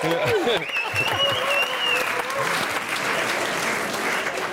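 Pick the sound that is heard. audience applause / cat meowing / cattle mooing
audience applause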